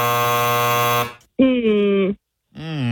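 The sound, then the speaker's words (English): A harsh, loud electronic buzzer signalling time up in a trivia quiz blares for about a second, followed by two more shorter buzzing blasts with brief gaps between them. “That was before the buzzer, yeah,”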